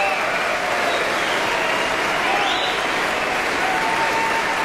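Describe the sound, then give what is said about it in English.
Sustained applause from a large concert audience after the Aspen Festival Orchestra's performance of Beethoven's Ninth Symphony at the Aspen Music Festival, a dense, steady wash of clapping that holds at full strength throughout without pause. “The applause will no doubt continue.”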